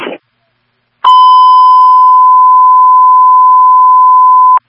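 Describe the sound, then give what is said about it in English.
A brief burst of noise, then a loud, steady electronic fire dispatch radio alert tone holding one pitch for about three and a half seconds before cutting off abruptly, transmitting Signal 20 for a fire alarm at Dunkin' Donuts, 186 Wolf Road, holding truck 9 only. “Signal 20 is being transmitted for the fire alarm.”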